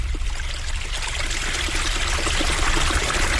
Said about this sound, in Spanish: allí donde, en la colina de los castaños, brota una fuente al pie de una roca, surtiendo de debajo en unos hilos que juegan como a mano con la arena y se quiebran en burbujas, y luego hacen un canalillo por el que la tacita de la fuente desborda.